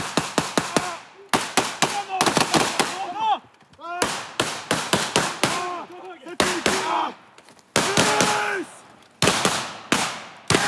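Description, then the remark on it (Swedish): Rapid, sharp bangs of blank gunfire from soldiers firing blank ammunition during a military exercise crack out in irregular bursts throughout, some shots in quick succession, with shouted voices partly heard between the loud reports. “Eftersom det bara är en övning så skjuter de med lös ammunition så att det bara kommer en rökpuff och inga riktiga dödliga skott.”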